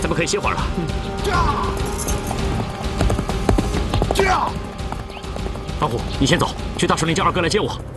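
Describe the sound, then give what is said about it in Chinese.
Horses gallop in pursuit with a rapid, steady, loud clip-clop of hooves, while riders shout "jia" over the pounding rhythm to urge them on and a horse briefly whinnies. “还不快追！是，驾，驾，驾，驾，驾，驾，驾，驾，好了。”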